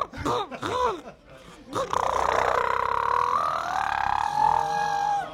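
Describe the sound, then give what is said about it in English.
A person imitates a boat motor with their voice: a couple of warbling vocal sputters, then a steady, buzzing drone that holds for several seconds, rising slightly in pitch like a revving engine. “you're in the river. You're ready to go. Your hand is on the throttle.”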